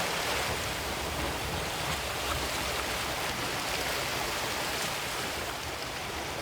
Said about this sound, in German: Im Hintergrund ein bisschen Meeresrauschen für die entspannte Stimmung.